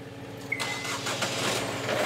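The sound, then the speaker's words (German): A boat's two new engines, 110 hp each, crank and catch with a sharp burst in the Hansahafen, then settle into a steady, loud motor rumble that continues to the end, with no talking. “Dann die beiden neuen Motoren.”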